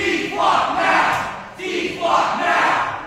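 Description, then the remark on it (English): A crowd of protesters at a city council meeting in New Bedford shouts in unison, shutting the meeting down over concerns about Flock Safety's license plate reading cameras; recorded by the Fall River Reporter. A loud rhythmic chant rises and falls in two repeated swells, many voices blending into a roaring, insistent cry. “That's the sound captured by the Fall River Reporter of protesters shutting down a city council meeting in New Bedford last week over concerns about Flock Safety's license plate reading cameras.”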